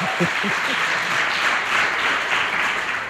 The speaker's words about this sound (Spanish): Y, no sé, igual les pedimos un aplauso, que se oiga bien. Que se vea que hay gente. Ahí. Bien, bravo, eso bravo. Eso es.